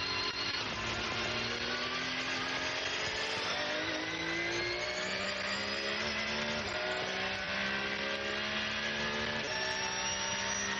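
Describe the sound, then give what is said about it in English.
A Porsche race car engine roars loudly, climbing in pitch as it accelerates through several quick gear changes while crossing the line, with no voices over it. “Listening to that Porsche engine purring across the line.”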